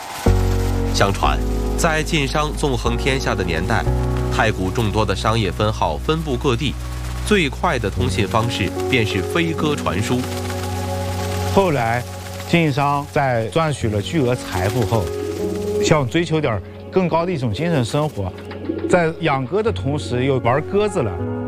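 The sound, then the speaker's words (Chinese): A chorus of airy, sustained whistling tones sounds overhead, layered into a steady chord with pitches that swell and glide, continuous throughout. The sound comes from pigeon whistles tied to the tail feathers of pigeons flying over Taigu. Air passes through the whistle mouths and makes the air in their chambers vibrate. “如此云间交响，已在太谷上空回荡了数百年。”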